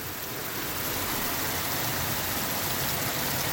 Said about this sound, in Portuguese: lá em Manfrinópolis agora uma chuva de granizo. Deixa eu ver se tem barulho.